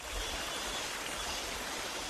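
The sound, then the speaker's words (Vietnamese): A small stream flowing past a village in Tả Phìn, Lào Cai province, babbles steadily with a continuous, even rush of water, fairly quiet, with no voices or other sounds. “Tiếng róc rách của dòng suối nhỏ chảy ngang bản, xen lẫn tiếng cọ rửa bồn ngâm bằng gỗ vang lên lạch cạch đều đặn.”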